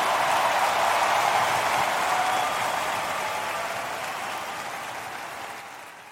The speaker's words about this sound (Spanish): un minuto dando gritos de júbilo en honor a Jesús. El sonido de libertad.